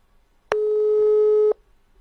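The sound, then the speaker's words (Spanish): A single steady electronic telephone busy tone sounds for about one second during a phone call, loud, with abrupt start and stop, surrounded by quiet. “Atiendo al teléfono.”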